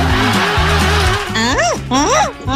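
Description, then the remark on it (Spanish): A voice imitates a car alarm in a sent audio message: a low buzzing pulse followed by rising and falling wailing sweeps, loud, repeating in a siren-like pattern. “El programa pide que me mande un audio simulando una alarma de auto.”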